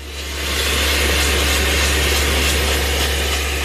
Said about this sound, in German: Einmal setzt der Bohrer an einem genau definierten Punkt an. Sein Kollege oben steuert die hydraulische Bohrmaschine.